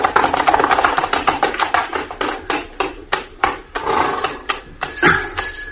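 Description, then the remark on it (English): A long series of sharp, hard raps on a wooden door at the Palace of Kensington, knocked in quick irregular bursts with brief pauses. The knocks are loud and clear, with no voices. “You had better knock, my lord.”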